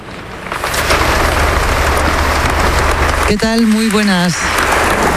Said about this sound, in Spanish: Lo que estás escuchando ahora mismo en directo son los aplausos al discurso que ha dado su santidad el Papa León XIV aquí en la Abadía de Montserrat, un evento que te llevamos contando durante toda la mañana.